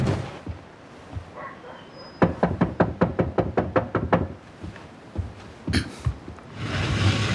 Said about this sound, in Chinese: 外面有人敲门，是谁啊？